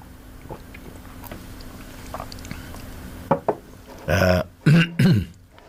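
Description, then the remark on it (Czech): Quiet, faint clicks, then a couple of sharp little knocks followed by three loud, wet slurping sips of tea in quick succession, with no one talking. “Pardon, já jen si trošku napiju našeho skvělého čaje.”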